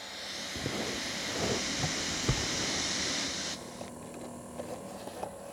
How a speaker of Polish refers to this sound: Tak, nagram szum przed wzmacniacza. Znaczy szum nie jest szum wzmacniacza, mogę to powiedzieć?